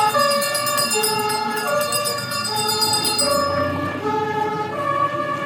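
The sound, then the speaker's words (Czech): The siren of a vintage 1929 Pragovka fire engine at a veteran car rally sounds loudly, cycling steadily between two tones over the low rumble of its 3824 cc, 40 horsepower engine, with no one speaking. “Pozornost milovníků veteránů získal i tento hasičský vůz.”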